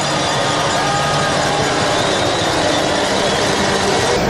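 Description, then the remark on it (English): A loud, dense din of many cowbells clanging at once, rung by Chiefs rugby fans at a Waikato rugby match, a continuous metallic rattle with no pauses and no clear speech. “And just listen to the cowbells start to ring.”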